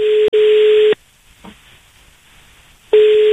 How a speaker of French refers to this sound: Eh bien, je crois qu'on a trouvé son numéro de téléphone. On est en train d'essayer de le joindre.